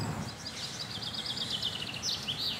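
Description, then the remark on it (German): Ring-necked parakeets, blackbirds, Alexandrine parakeets, chaffinches and wood pigeons chirp and trill in a steady, overlapping chorus, mostly high-pitched calls, set against a constant low rumble of traffic. “Die Birdscanner-App verrät, Halsbandsittich, Amsel, Alexandersittich, Buchfink und Ringeltaube sind gerade unterwegs.”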